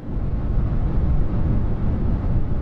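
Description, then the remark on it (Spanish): Green noise plays as a steady, unbroken hiss with a soft, full low end and muted highs, somewhat like rain, at an even, moderately loud level throughout with no voices. It is played as a sleep aid. “Este es el sonido verde.”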